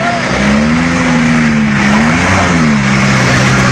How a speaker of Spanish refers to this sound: En este tramo los camiones intentan avanzar entre el lodo, mientras varios vehículos livianos que pretendieron cruzar quedaron atrapados.